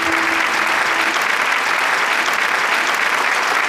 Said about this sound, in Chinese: 真的非常非常不容易，再次把掌声给到你们。